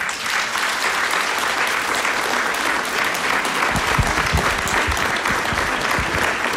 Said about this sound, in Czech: tak ale kdyby opravdu viděli, co tady je vystaveno, tak dejte najevo potleskem, jestli si myslíte, že by se jim to líbilo. Líbilo by se jim to, když se podíváte na obrazy na pravou i levou stranu?